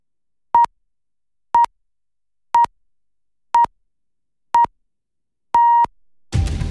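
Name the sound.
alarm clock beeping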